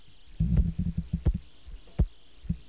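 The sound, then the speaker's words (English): Sharp metallic clicks of a St. Jude mechanical heart valve ride over low, muffled heartbeat thumps, several crisp ticks arriving about once every second or less, with no talking. “Hear that clicking? That's your Star Edwards valve, right? Or St. Jude valve?”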